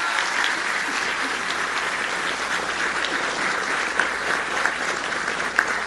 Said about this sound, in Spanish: así que vamos a darle un aplauso a Efraín Morales.